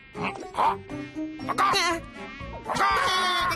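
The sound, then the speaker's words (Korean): A whiny mosquito buzz comes and goes in several bursts, rising and wavering in pitch as it swoops about while someone tries to catch it, with no talking over it. “모기를 잡고 있었습니다.”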